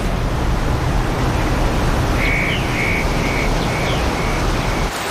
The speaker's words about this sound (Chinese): 山泉涌动，溪水暴涨，在潺潺的流水声中